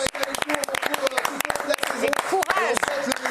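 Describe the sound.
A crowd applauds with dense, irregular claps running steadily through the whole moment, while voices talk over the clapping.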